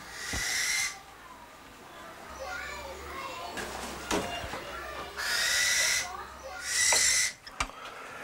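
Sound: eagle calling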